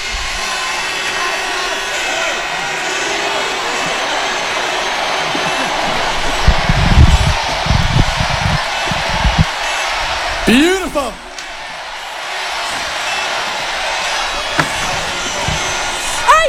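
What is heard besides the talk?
crowd cheering loudly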